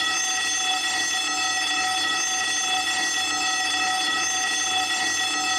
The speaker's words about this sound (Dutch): Ik hoorde de schoolbel. De schoolbel, zij deed het wel.